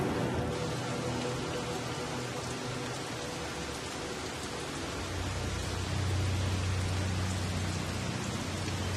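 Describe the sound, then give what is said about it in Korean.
Heavy storm rain pours down steadily in a dense, unbroken hiss, with a deep low rumble swelling underneath toward the end. No voices are heard. “더 강력하고 잦아진 폭풍이 생태계를 뒤흔들고 있습니다.”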